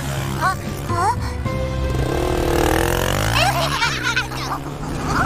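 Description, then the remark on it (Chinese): A motorcycle engine runs steadily, its low hum rising and falling as it revs, with squealing, excited voices chattering over it. “这不公平，凭什么你骑摩托车？”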